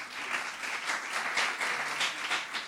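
An audience applauds steadily, a dense wash of many hands clapping at an even, sustained level for a few seconds without any voices.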